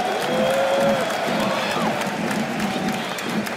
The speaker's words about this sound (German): Und deswegen sagt ihr auch der Stadionsprecher. Donnernden Applaus für unser Team, König des Paderborn 07.